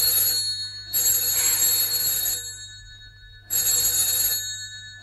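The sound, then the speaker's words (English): A telephone rings in two long bursts separated by a pause, its bright, buzzy bell tone fairly loud, with no voices over it. “Well, aren't you going to answer it?”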